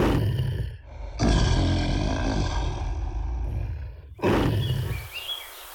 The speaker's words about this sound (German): Was ist mit den Löwen los? Lasst uns nachschauen.